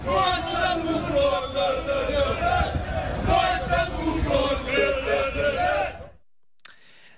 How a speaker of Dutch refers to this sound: NEC nam het vanavond in de Champions League op tegen Olympiakos Piraeus. Hoor even het publiek. We zitten dus in Griekenland en die Grieken die zijn niet blij.